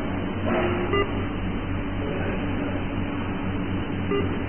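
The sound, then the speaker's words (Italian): Short electronic computer message alert beeps sound over a constant low hum, with one tone near the start and another near the end, clear. “Io no, ti voglio tanto bene, ma se continui a mandarmi questo messaggio qui, per mi viene bip.”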